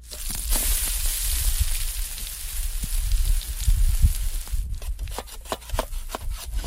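Wood being chopped for a campfire at a campsite in a cedar grove at Parent Lake on a very sunny day, a steady run of sharp knocks and scraping cracks over a rough outdoor hiss, the blows quickening and sounding crisper toward the end.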